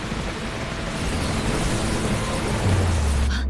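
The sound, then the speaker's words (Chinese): Steady, dense rain hiss of a thunderstorm with lightning fills the scene, and near the end a deep rumble of thunder swells up underneath it. No voices are heard. “喂，小心点，别被闪电击中。”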